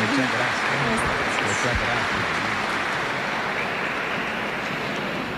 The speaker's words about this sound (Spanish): Y el día de hoy le entregamos lo que es el reconocimiento de ser parte del Congreso de la Familia de este año. Aplausos.